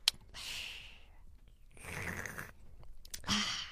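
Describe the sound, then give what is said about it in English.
A sharp click as a drink taken from the fridge is cracked open, followed by several breathy, hissing bursts like slurping sips and an exhaled gasp, with no talking. “You crack it open and you take a sip.”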